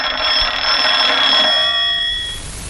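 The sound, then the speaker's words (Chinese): A telephone, the regiment commander's phone, rings continuously in a loud, clattering metallic trill for about two seconds, then quickly fades away. No one speaks. “哎，啊，团长电话。”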